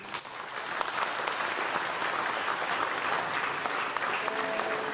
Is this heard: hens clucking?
no